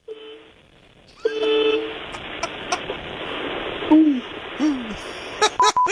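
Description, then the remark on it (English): A few weak, meager honks, short steady tones followed by a pair that sag downward in pitch, thin and feeble over a hissy background with a few faint clicks. “I haven't heard a honk that meager in some time.”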